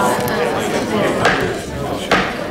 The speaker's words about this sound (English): Well, look, I'm fascinating as that is, I do want to move on because we do have some gavels to bang because it is time to open the court.